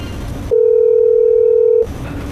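A single steady, loud telephone dial tone holds for just over a second, bracketed by a muffled murmur before and after, as a staff member at a live event places an outgoing call to a manager.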